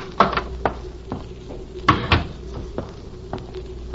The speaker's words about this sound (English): Just open the door and go on in alone. The sudden sight of you might snap him back. Now, go ahead. Walk right in.